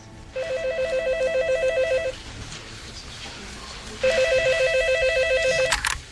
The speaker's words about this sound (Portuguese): Mas o destino foi cruel. Logo no dia seguinte, meu telefone tocou.